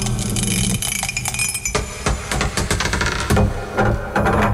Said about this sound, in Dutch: En wij hebben de dobbelsteen hier in de welbekende rinkelmok. We gaan eens even kijken wat het wordt vandaag. Daar gaan we.